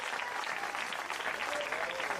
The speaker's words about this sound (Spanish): Dele un fuerte aplauso si es para el Señor en esta hora.